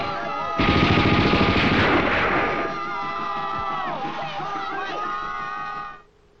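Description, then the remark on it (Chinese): Sudden loud gunfire bursts out beneath a crowd of voices shouting, the din easing after a couple of seconds into scattered yells that carry on before fading out. “鬼子偷雷喽！快来人呐！放枪！”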